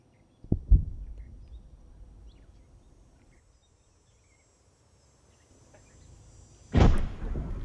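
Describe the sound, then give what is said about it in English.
Machine gun fire and explosions: a sharp double blast at the start fades into a low rumble, then a long quiet stretch before a second heavy, loud explosion erupts near the end. “rattle of machine guns, explosions.”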